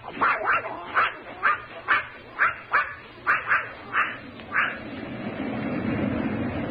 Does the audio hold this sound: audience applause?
no